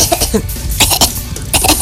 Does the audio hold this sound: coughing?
yes